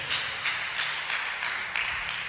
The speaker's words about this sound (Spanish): Sentaditos, por favor, y le brindan un aplauso fuerte al Padre, al Hijo y al Espíritu Santo.